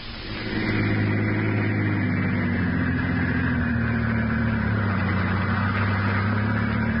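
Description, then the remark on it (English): A car engine hums steadily as Garrett's car drives along the West Side Highway with Peters at the wheel, a continuous low rumble with a droning pitch that rises slightly early on, then holds even. No one speaks. “The two men are now driving in Garrett's car with Peters, alias Harry Gordon, at the wheel.”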